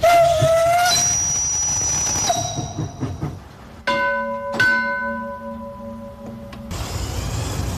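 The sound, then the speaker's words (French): A model steam train chuffs along with rhythmic puffing while its shrill whistle sounds in sustained bursts, fairly loud, with no talking. “Quand vous faites fonctionner ces trains, ça vous fait quoi ?”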